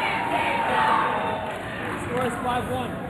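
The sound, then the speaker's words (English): A large stadium crowd, brought to its feet by a player's move, cheers and roars steadily for a few seconds, a dense wall of voices with scattered shouts rising above it and no pause. “Bringing the crowd to its feet.”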